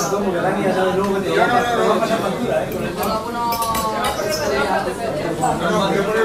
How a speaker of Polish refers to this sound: W tym mieście ludzie kochają się śmiać, rozmawiać ze sobą, jedzą na zewnątrz